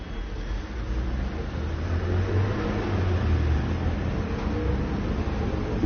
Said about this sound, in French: Passe un scooter rouge.